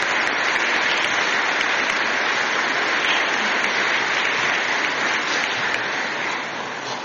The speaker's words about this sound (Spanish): Felicitamos a todas las madres en su día. Que Dios les bendiga y gracias por ser tan valientes y prolongar la vida a través de la maternidad. Regalémosles un fuerte aplauso a nuestras mamás.